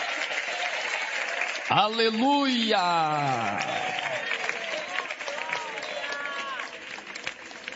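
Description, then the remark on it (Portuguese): A crowd breaks into sustained applause for Jesus Christ after a Bible reading, steady and fairly loud, while a voice shouts an exclamation over the clapping with a rising, drawn-out cry early on. “Pode tomar o vosso assento, guarde a Bíblia com carinho e pode dar uma linda salva de palmas para Jesus Cristo.”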